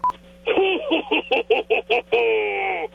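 A voice mimics telephone keypad dialing for a first-time caller phoning the Soper and Brown Show, singing a quick run of about seven short, evenly spaced beeping tones followed by one long sustained tone, fairly loud.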